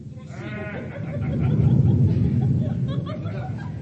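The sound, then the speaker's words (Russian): August thunder rumbles low and heavy, swelling to a peak midway before slowly fading, with a short, wavering bleat-like cry just before it. “Страшно в августе гром.”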